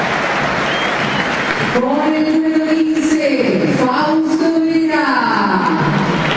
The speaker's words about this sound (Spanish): Los individuos terminan ganándole a los aplausos. Totalmente muy aplaudido, muy aplaudido.